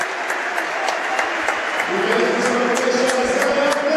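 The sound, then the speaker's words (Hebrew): A large stadium crowd at a football match applauds as player Amir Ganah, who set up the first goal, is substituted off for Ahmed in Be'er Sheva's first substitution, with scattered claps cutting through a steady roar of cheering that swells a little partway through and carries on to the end. “גנח יקבל כפיים, קבל כפיים. גנח בחוץ, אחמד בפנים.”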